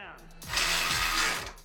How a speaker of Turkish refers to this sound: İşte milyonlarca marifeti olan bir alet. 12 wattlık cırcır anahtarı. 900 gramdan daha hafif ama pneumatik cırcır kadar hızlı ve güçlü.